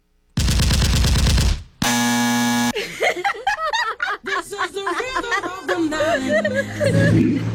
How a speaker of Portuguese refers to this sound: da próxima vez que os carioca mandar áudio aí, não coloca tiro não, coloca o barulho do sininho, aí eles vão gostar.